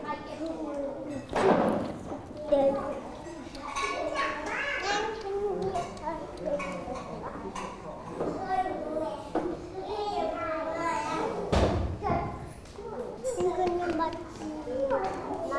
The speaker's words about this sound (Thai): คนดีเก็บของเล่นเลยลูกเก็บของเล่นเลยค่ะน่ารักมากเลยค่ะเด็กๆช่วยกันเก็บของเล่นด้วยนะคะเด็กๆเก็บของเล่นเลย